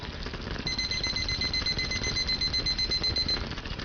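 A kitchen timer, set for 7 minutes while rice cooks on low heat in a clay pot, rings in a rapid, steady electronic beeping for about three seconds, clear, with no voices over it.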